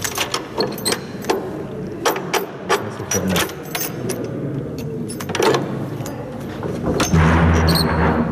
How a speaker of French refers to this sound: Une lourde porte se referme. Nous voici dans la prison de Forêt, en région bruxelloise.